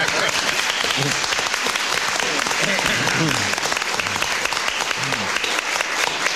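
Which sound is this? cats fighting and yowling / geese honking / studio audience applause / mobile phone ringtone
studio audience applause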